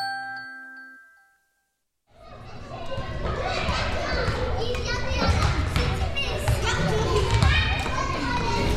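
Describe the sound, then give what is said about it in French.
A short chiming tone fades to silence, then the gymnasium of École Taché fills with children playing during its weekly open gym on a Tuesday evening: a loud, steady din of shouting kids, overlapping voices and scattered ball thumps. “On est dans le gymnase de l'école Taché un mardi soir durant leur gymnase libre hebdomadaire.”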